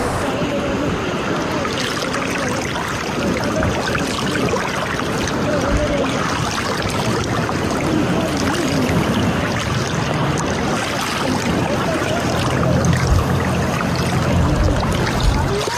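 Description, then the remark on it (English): A small boat carrying people on their way to Britain pushes steadily through choppy water, a continuous rushing, churning wash with a low rumble underneath, fairly loud throughout, with faint indistinct voices mixed in. “Look at the size of that boat. On their way to Britain.”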